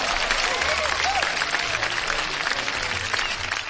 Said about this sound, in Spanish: Un aplauso.